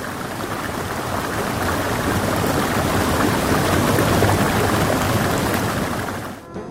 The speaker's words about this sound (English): You're listening to the sounds of Bean Creek on 99.1 WQRT LP Indianapolis